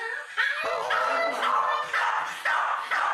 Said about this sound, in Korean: 덜 짖어. 내가 없으면? 만두는 아예 안 짖고.